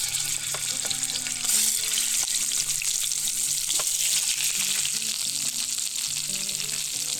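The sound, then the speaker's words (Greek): Chicken drumsticks sizzle steadily in hot sunflower oil as they brown, a dense crackling hiss with scattered sharper pops, holding at a loud, even level throughout with no voices. “Όσο πίσω ακούτε και δεν ξέρω αν βλέπετε που τσιτσιρίζουν τα κοτόπουλα, τα κοπανάκια και παίρνουν χρώμα, θέλουμε να τα θωρακίσουμε, να πάρουν χρώμα, να καραμελώσουν μαζί με το δέρμα από όλες τις πλευρές.”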